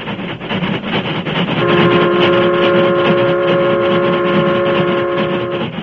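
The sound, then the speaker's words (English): A Union Pacific steam train roars past loudly across open ranch country, its rhythmic chugging under a steady rumble, then a long, sustained whistle sounds and holds to the end. “The Union Pacific, pride of the West, was roaring across the open stretches where vast ranches separated the small crossroads communities.”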